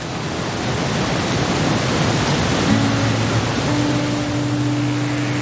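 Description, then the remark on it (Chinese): A steady, even rush of flowing river water and wind fills a mountain valley, loud and unbroken throughout. Partway in, a low sustained hum joins beneath it. No one speaks. “只有山里才这么安静，能听到水声、风声、鸟声。”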